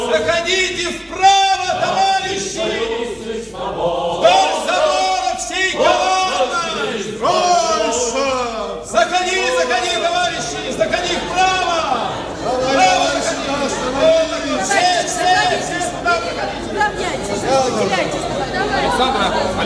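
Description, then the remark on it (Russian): A large crowd gathered in front of the UKOM, with more people still arriving, chatters steadily: many overlapping voices forming a dense, continuous babble at a fairly loud level throughout, with no single speaker standing out. “Большая толпа собралась уже перед УКОМом, а люди все идут и идут.”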